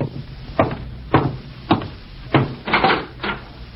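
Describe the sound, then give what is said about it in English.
A series of about six firm knocks on a wooden door, spaced at a steady but slightly uneven pace, fairly loud, with no voices. “And I'm getting cleaned up before going out to meet my FBI contact, when I'm interrupted by a knock at the door.”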